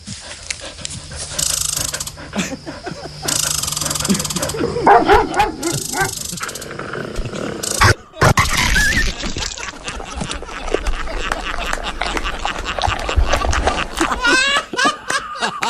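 Dogs bark in scattered bursts and pant excitedly as they meet a chinchilla, over a busy, cluttered background, with people laughing and snickering throughout.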